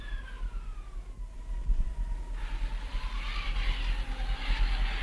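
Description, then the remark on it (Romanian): Wind howls with a thin, wavering whistle that slowly slides downward in pitch, over a steady low rumble; about halfway through, a louder hissing gust rushes in and keeps blowing. “Da, vântul este acest prieten al meu.”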